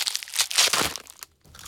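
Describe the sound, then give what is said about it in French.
Crunching wafers (gaufrettes) between teeth as Toudou, a cuddly toy character, eats in the kitchen: a quick series of crisp, dry crackling bites packed closely together, fading briefly before one more crunch starts. No one speaks. “Ça craque sous la dent.”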